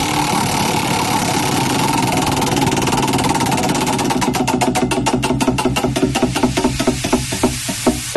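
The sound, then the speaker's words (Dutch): A prize wheel spins with a rapid, dense ticking that gradually slows into distinct, sharp clicks spaced further and further apart as it winds down. No voices are heard. “Oké, ik ga het rad weer even draaien.”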